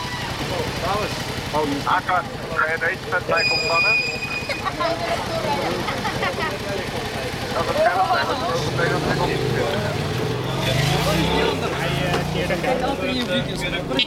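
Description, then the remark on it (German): Busy street traffic at an intersection in Amsterdam-West during an afternoon police traffic check, with 15 officers stopping every fatbike rider: a steady rumble of idling engines, with a vehicle revving and pulling away partway through, while several people talk. “Verkehrskontrolle an einer Kreuzung in Amsterdam-West.”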